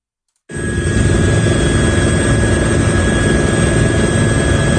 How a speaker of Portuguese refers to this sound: Este é o son dun dos helicópteros que participan nas tarefas de extinción do lume que se rexistran no concello lugués de Navia de Suarna, en o que, segundo a última información remitida por Medio Rural, arden arredor de 20 hectáreas